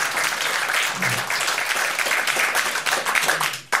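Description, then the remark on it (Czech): Steady, dense applause from a sizeable crowd fills the whole stretch, a continuous wash of many hands clapping, briefly dipping near the end before resuming. “Takže zatleskáme”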